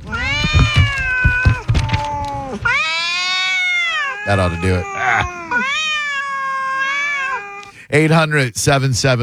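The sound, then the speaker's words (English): Several cats meow and yowl loudly in long, wavering, drawn-out cries, overlapping, with a brief spoken line from a person partway through. “So either you guys help find him or the cats get it. So I'm just going to sit here and rattle my newspapers and drown kittens until he is found.”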